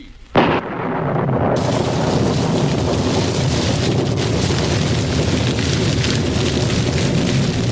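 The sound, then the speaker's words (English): A sudden loud burst gives way to a steady, heavy roar like a great fire raging, filling the whole stretch without pause and with no voices, as fire from heaven burns a bullock on an altar, even the altar stones and the water in the trench. “Fire. Fire from heaven. It is burning the bullock, even the stones of the altar and the water in the trench.”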